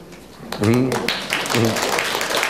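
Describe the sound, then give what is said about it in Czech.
Audience applause, a steady wash of many hands clapping, with voices rising briefly over the noise. “Potlesku nerozumím, ale to je asi souhlasný potlesk, jak jsem pochopila.”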